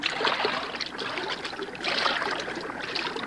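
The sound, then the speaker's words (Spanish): Water sloshes and splashes continuously as someone wades into a river among reeds toward something floating there, with surges of louder splashing over a steady watery churn. No voices are heard. “Bueno, métete en el agua y averigua lo que es.”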